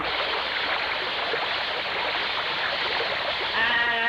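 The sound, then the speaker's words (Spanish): Water thrown onto dirty window glass to clean it splashes and sprays in a steady, continuous rush for several seconds, with a brief voice-like cry breaking in near the end. “Y este vidrio sí que está sucio, bella. Ni se mira para el otro lado, cañote. Vaya, échale agua.”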